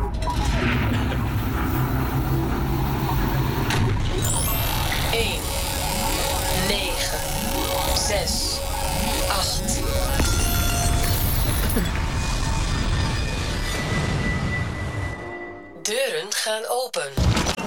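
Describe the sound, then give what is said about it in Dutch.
A sci-fi time machine engine powers up: a loud, steady mechanical whirring and buzzing with whining tones and rising sweeps, then a sudden drop-out followed by a few stuttering bursts. “Dus, ja, de motoren zijn van start.”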